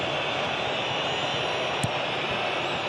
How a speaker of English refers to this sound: The whistling's back, which means the Moroccan fans are back.